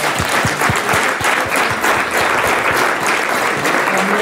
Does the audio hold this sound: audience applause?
yes